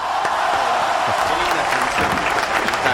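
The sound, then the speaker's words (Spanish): Steady, loud audience applause, a dense wash of many hands clapping at once without pause, with a faint murmur of crowd voices mixed in. “Fuertes aplausos.”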